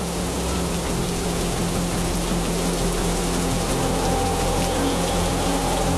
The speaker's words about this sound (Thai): โอ้โหดูที่ทะเลสิคลื่นสูงมากลมแรงมากเลย ฝนเริ่มตกคลื่นกระทบฝั่งแรงแล้วก็สูงมากเลยนะ ไอ้แบบนี้เขาเรียกว่าคลื่นพายุซัดฝั่งนะ